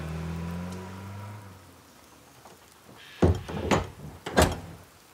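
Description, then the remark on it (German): A door with a safety catch on its hinge is swung and shut, with a couple of heavy thuds and rattles near the end, following a few seconds of quiet low rumble and hiss. “Mach mal zu.”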